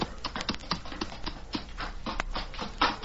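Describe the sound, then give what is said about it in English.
Horse hooves clip-clop in a quick, uneven patter of sharp knocks as more than one horse, including Scout, is brought into a cave. No one speaks. “Bring Scout in with you, Tonto.”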